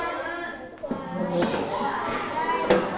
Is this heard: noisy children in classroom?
yes